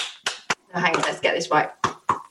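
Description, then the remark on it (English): Sharp hand claps imitating the sound of sex, in an uneven rhythm, a pair at the start and another pair at the end, with a stretch of voices in between. “Oh, that's a lovely bit of clapping action there.”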